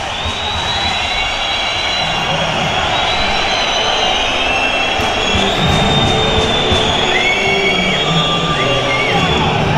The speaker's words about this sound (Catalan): La gent de la graderia demana ante el final i acaba el partit, Luis. Acaba el partit així a Mestalla. Xiulits, escolteu.